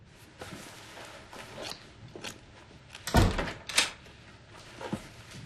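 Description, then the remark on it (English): A door shuts with a solid thud, followed moments later by a sharp metallic clack like a bolt sliding home, with a few faint handling clicks around it. “Bolt the door if you're coming in.”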